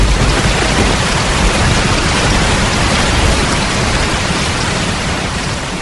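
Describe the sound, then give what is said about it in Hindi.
Heavy monsoon rain of the month of Ashadh, like the rain that opens and closes the play Ashadh Ka Ek Din, pours down in a steady, dense hiss, loud, holding constant throughout without pauses or voices; no distinct thunderclaps stand out above the downpour. “उल्लेखनीय है कि नाटक की शुरुआत भी आषाढ़ की वर्षा से होती है और अंत भी वर्षा के ही वातावरण में घटित होता है।”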